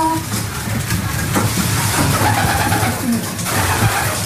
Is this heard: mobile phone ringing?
no